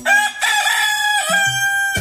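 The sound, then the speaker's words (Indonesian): A rooster crows once, loud, a long drawn-out cock-a-doodle-doo with a bright, strained tone that holds steady for about two seconds before cutting off abruptly. “Mereka suka mengeluarkan suara seperti trompet dan berkokok seperti ayam jantan.”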